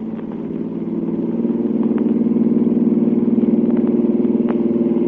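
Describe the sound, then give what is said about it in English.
A car engine roars steadily, its low droning hum swelling slightly in volume as Clark Kent drives hard to catch a car carrying a radio transmitter, heading for a bridge, with no voices present. “No bridge or no bridge, I'm going to catch that car.”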